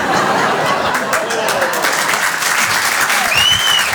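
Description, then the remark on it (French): Steady applause from an audience of people from the provinces, a dense wash of clapping from a crowd that holds its level throughout, with a few whistles and scattered chuckles mixed in. “Là, c'est les provinciaux qui applaudissent.”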